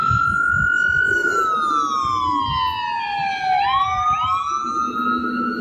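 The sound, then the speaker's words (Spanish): A fire truck siren wails past, its loud, harmonic-rich tone sliding steadily downward before climbing again near the end, over a rumbling bed of traffic noise. No one speaks. “Mira, ahí vienen unos bomberos. O eso es la policía.”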